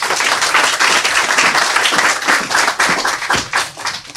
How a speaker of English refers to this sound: Let's clap it up for author